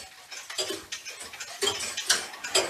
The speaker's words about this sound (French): Et là, le tic-tac est différent. Il est plus doux.